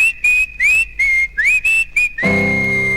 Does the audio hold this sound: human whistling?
yes